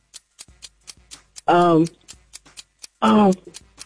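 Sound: game show clock ticking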